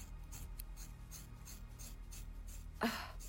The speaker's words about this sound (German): Ich komme mit der Schere. Wir haben es gleich.